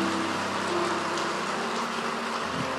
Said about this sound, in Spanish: Aplausos al Señor por eso. Amén.